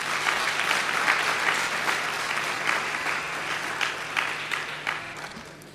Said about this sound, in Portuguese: Obrigado. Uma salva de palmas para todos vocês.